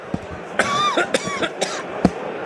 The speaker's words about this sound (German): Jetzt muss ich ganz kurz das Mikrofon wegnehmen, da will ich ganz kurz husten. Moment, rasch.